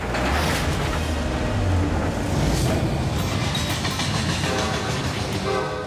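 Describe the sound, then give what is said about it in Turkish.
A train rumbles along railway tracks, loud, its steady roar and clatter filling the whole stretch, with a brief horn-like tone rising near the end. No one speaks. “Tren birazdan buradan geçecek. Gelen bir tren var.”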